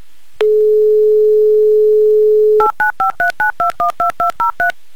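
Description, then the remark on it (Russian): A steady telephone dial tone hums for about two seconds, then gives way to a quick, even run of about ten touch-tone keypad beeps as a mobile number in Tomsk is dialed, loud, with no voices. “Ну а для начала, конечно, хочу услышать гудки вашего телефона. В общем, набираю номер.”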